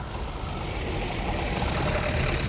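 A large truck rumbles with a steady, loud engine noise that swells slightly midway, suggesting it pulling in, with a hint of air-brake hiss; no one speaks.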